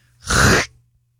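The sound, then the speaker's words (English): A voice makes a single harsh, raspy burst imitating something ripping, lasting about half a second; it sounds loud, rather like a throat being cleared, with no talking around it. “I was thinking of making a ripping noise when you did that, but my ripping noise also sounds like I'm clearing my throat.”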